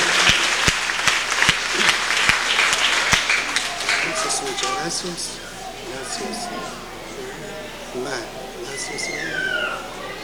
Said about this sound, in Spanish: Entonces, estamos muy contentos, muy agradecidos con ustedes, los que traen este regalo. Brindémosle fuertes aplausos y gracias.